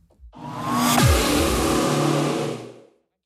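A car engine revs up hard, a loud, steady roar with a brief pitch sweep near the start, holding for about two seconds before cutting off abruptly. No one speaks.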